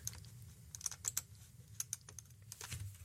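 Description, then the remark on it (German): Quick, uneven bursts of keyboard and mouse clicks as someone clicks through to the next news report on a computer, some isolated and some clustered, over a low steady hum with no voices. “Und wir klicken uns in die nächste Meldung rein.”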